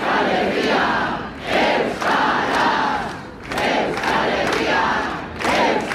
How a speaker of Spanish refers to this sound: Ambiente de la concentración de Bilbao, aunque ha habido movilizaciones en las 3 capitales vascas, convocatoria de la plataforma Kontseilua para denunciar que perciben una nueva ofensiva judicial contra el euskera